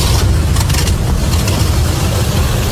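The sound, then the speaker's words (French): A truck engine starts and runs steadily as its electrical system and headlights come back on, a loud, continuous low rumble with a rough, throbbing texture and no voices. “Le moteur a démarré et le système électrique fonctionnait.”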